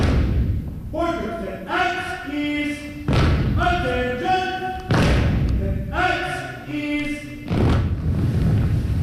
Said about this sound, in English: Parents, grandparents, and friends hold their phones, snapping photos as the Corps, in their dark green uniforms, proudly march in.